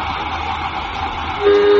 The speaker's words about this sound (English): All right, exhaust the airlock. Exhausting airlock.